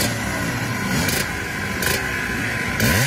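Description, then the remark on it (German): A loud historic racing motorcycle engine drones steadily at the Vintage Trophy race for historic motorcycles in Zschopau in the Erzgebirge, punctuated by three sharp throttle blips, ending with a rising rev as the pitch climbs. No voices are heard. “Und schon seit Tagen sind die Maschinen dort zu sehen und vor allem sind sie auch zu hören.”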